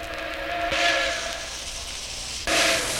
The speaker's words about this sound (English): The passing of a train.